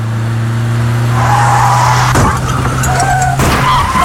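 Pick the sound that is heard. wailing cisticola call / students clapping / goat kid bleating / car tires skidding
car tires skidding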